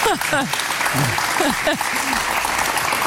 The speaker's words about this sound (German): Ich darf jetzt schon klatschen für die Leistung.